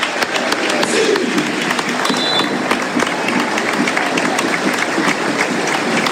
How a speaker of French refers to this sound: C'est vrai que les joueurs sont applaudis comme si c'était un peu le dernier match de la saison